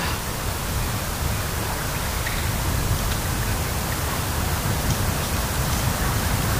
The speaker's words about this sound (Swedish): Så hör man ju det här lite försiktiga ljudet av havet som spelar in emot stenarna. Nu är det ju mörkt så att man inte ser det, men här ute ligger en stor stenbumling som heter Glomsten och som sedan länge har varit ett sjömärke för sjöfarten.